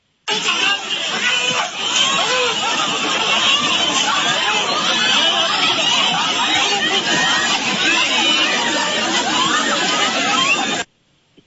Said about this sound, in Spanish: Estos gritos, Mariana, corresponden al momento exacto en que más de una docena de policías municipales de Huixquilucan detuvieron y golpearon a dos estudiantes del plantel 198 del CONALEP, quienes se manifestaban para exigir la destitución